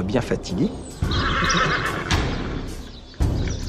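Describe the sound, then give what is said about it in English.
A horse whinnies loudly, its shrill, wavering neigh rising over the dense rumble of a horseback battle on the plain of Lorme, with hooves and clashing movement, and a sharp impact near the end. “A horseback battle breaks out on the plain of Lorme.”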